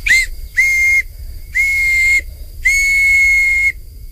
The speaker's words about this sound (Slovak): No tak toto je tá píšťalka z vrby. To bolo len na jare, keď tá vrba mala miazgu. Na tej môžem zapískať.